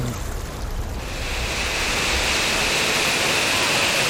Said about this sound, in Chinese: 哇哇，这边又有瀑布。 哇，这个水流挺大的。